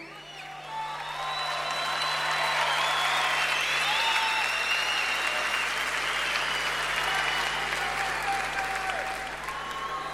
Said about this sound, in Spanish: Necesito que lo aplaudan con ganas. Uno de los guitarristas más emblemáticos que la Argentina entera ha dado. Una onda, loco. Una onda. Necesito un fuerte aplauso, grito, silbido para el negro García López.